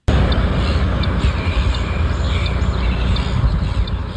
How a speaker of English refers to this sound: Off the side of a highway and over 10 kilometres from the beach, the squawking of a flock of seagulls might catch you off guard. But businesses in Derry Flat are used to the noise.